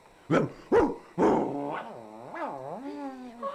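A dog named Nerón gives three sharp barks in quick succession, then breaks into a drawn-out, wavering growl that rises and falls in pitch before trailing off.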